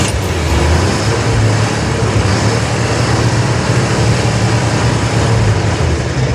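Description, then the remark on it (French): A car engine runs steadily with a low, constant rumble and hum, holding the same level throughout with no voices. No door slam stands out. “C'est pas une mobylette, c'est pas une moto, c'est une voiture.”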